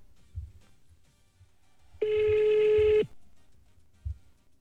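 A cell phone rings once with a loud, steady electronic tone lasting about a second, standing out clearly over faint low thumps and background rumble. Nobody speaks.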